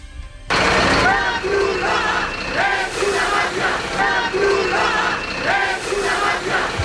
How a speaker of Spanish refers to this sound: La Cruz Roja es una mafia, cantaban.